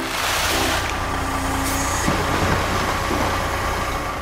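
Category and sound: vehicle, truck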